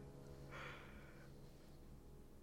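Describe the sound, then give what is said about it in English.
A single breathy yawn, a drawn-out airy exhale lasting under a second, fairly soft against a faint low hum, with no talking. “And also yawning, apparently.”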